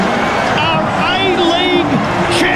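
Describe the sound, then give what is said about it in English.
A large stadium crowd at the A-League grand final roars steadily and loudly as Auckland FC take the lead, a dense wash of many voices with scattered higher shouts and whistles rising above the din throughout. “Listen to that crowd.”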